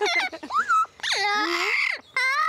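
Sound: dog whimpering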